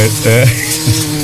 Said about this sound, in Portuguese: Olha o drone.